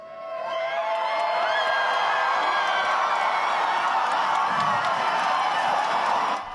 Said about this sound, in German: gab es Jubel und Beifall. Für die Zuschauer in Hurstville war es ein Auftritt, der durchaus den ersten Preis verdient hätte.